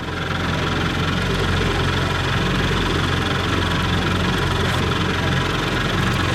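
A 1958 Johnson outboard motor, driven across Fairbank Lake in Greater Sudbury, runs steadily and loudly, its low throbbing hum and rattling mechanical buzz constant throughout, with no voices.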